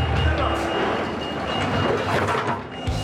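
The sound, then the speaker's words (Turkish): A heavy truck engine rumbles loudly and steadily as the truck reverses toward a lift to unload vehicles, with faint tonal sounds and muffled voices blending into the dense mechanical noise. “Araçları boşaltmak için kamyonun asansöre doğru geri gitmesi gerekiyor.”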